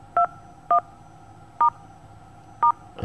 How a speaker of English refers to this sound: Your phone is dialing constantly.